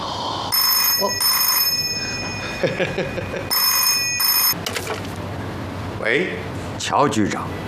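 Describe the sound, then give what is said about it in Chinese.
A telephone bell rings in two long, shrill bursts with a pause between them, a call from the agency chief summoning the bureau director to an urgent military meeting. People talk in the gap and after the second ring. “黑川机关长来电话。”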